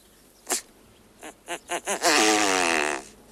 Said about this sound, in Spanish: Aunque por lo general son animales muy silenciosos, casi mudos, llama la atención el sonido que emite el macho de avutarda, algo parecido a una pedorreta.